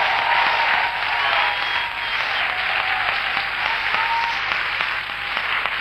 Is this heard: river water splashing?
no